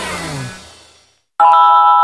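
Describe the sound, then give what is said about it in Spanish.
A Verisur home alarm system's activation signal as the alarm is connected: after a fading tonal sound and a short silence, a loud, steady electronic tone with bright harmonics switches on abruptly and holds unbroken to the end. “Tu alarma Verisur ha sido conectada. Esto es lo que suena en tu casa cuando te protege el líder mundial en alarmas.”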